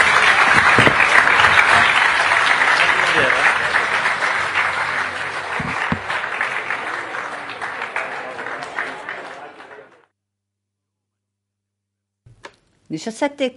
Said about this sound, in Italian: Grazie, grazie al presidente Stefano Bonaccini. Grazie, grazie mille, grazie. Un applauso anche a chi mi ha intervistato.